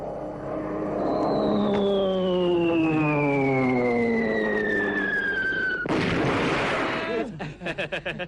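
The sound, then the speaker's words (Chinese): A performer's voice imitates Japanese warplanes dropping bombs: a long, steadily descending whistle, then a loud burst of explosive noise, followed by a quick rattling series of pops like gunfire, as the planes strafe. “哎，倒要是日本鬼子飞机啊，是着实厉害，这炸弹是成千上万的往下扔。”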